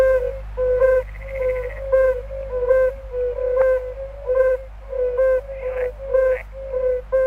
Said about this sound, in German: Und zu denen gehören auch die Unken, zum Beispiel die Gelbbauchunken. Und hören Sie mal, wie die tönen.